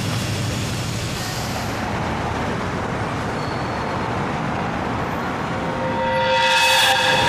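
A train rolls steadily along the rails with a dense, continuous rumble and clatter, growing slightly louder as a high, piercing tone rises over it near the end. No voices.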